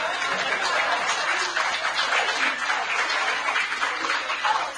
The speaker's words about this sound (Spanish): Feliz día, escritores. Ustedes que no son escritores, aplaudan igual.